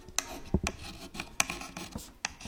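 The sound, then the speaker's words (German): A slate pencil scratches across a small writing slate of the kind pupils used in old-style schools, in a series of short, dry, rasping strokes with an irregular rhythm, heard alone without any talking. “Wir haben auch keinen Stift, wir haben so einen Griffel.”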